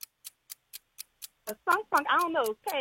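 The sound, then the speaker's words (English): A game timer for a timed trivia quiz round ticks in a brisk, even rhythm, about four clicks per second, clear, before a person starts talking over the continuing ticks. “Start the clock.”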